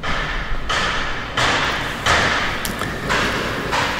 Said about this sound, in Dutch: Aanhoudend geluid van verbouwingswerken, geklop en geboor